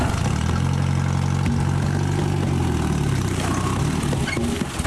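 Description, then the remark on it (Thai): A jeep engine, brought to haul harvested areca nuts, idles steadily with a low, throbbing rumble and dense harmonic drone, loud and continuous for the whole stretch, with a slight wavering in pitch and no voices. “วันนี้มาขึ้นหมากแล้วก็เอารถจิ๊บมานี่ขนหมาก”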